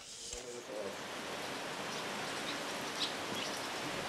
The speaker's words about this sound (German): Gerade regnet es wieder, junge Hunde. Das finde ich jetzt schon ein bisschen gemein, dass wir nach knapp einem Monat so absaufen.